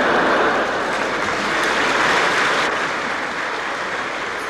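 A theatre audience applauds steadily for several seconds, a dense, even wash of many hands clapping at constant loudness with no voices over it.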